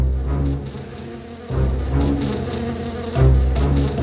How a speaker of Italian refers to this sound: Quando Dorothy e i suoi amici videro le api volare verso di loro, non ebbero il tempo di scappare.